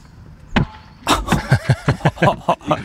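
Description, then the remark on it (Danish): A single thud as a Trionda World Cup football is toppled off its pedestal, then after a short pause the ball drops and bounces repeatedly, a quick series of hollow knocks with a faint rattle as it settles. “Nu vil jeg lige prøve at vælte den ned, for at høre, hvordan det lyder, når sådan en bold den.”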